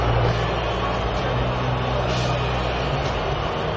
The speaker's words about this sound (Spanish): Efectivamente, Gianni Infantino con Donald Trump y una silbatina. El abucheo generalizado, escuchen.